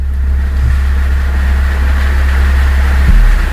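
A car engine idles loudly and runs rough, a deep steady rumble with a slightly uneven, chugging pulse that holds for a few seconds and shifts briefly near the end.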